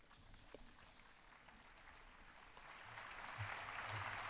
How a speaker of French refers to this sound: Et accueilli par les applaudissements.